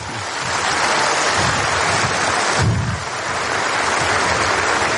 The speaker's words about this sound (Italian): Dunque io vengo da molto lontano nel tempo. Sono circa 9 anni che cerco questo applauso.